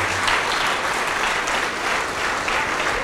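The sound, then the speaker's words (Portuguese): A crowd claps steadily and continuously, applauding the Lord Jesus for each person coming forward; a dense, sustained wash of applause from many hands at a strong, even volume throughout. “E vamos aplaudir ao Senhor Jesus por cada vida que está chegando.”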